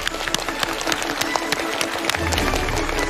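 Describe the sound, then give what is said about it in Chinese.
A studio audience applauds to welcome the guest lecturer, Huang Xuejie, a researcher at the Institute of Physics, Chinese Academy of Sciences: a steady, dense crackle of many hands clapping at once with sharp individual claps poking through. A low hum joins in the last second. “掌声有请开讲嘉宾，中国科学院物理研究所研究员黄学杰，有请黄老师。”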